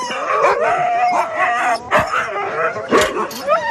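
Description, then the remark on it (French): A chorus of sled dogs, eager to go running, barks, yips and howls excitedly all at once, loud, with overlapping high-pitched cries and sharp barks throughout. “Bon, bah, vous avez fait des jaloux parce qu'on a choisi que deux chiens.”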